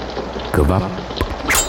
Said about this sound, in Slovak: kvapkanie vody. Kvapkanie vody?